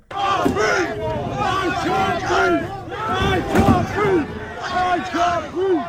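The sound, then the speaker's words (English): A large protest crowd shouts and chants "I can't breathe" together, many voices rising and falling in loud, overlapping waves, with occasional sharp bangs cutting through the steady roar, as people throw bins and cans at police in riot gear. “At the protest today, people threw bins and cans at police in riot gear, while others in the crowd chanted, "I can't breathe."”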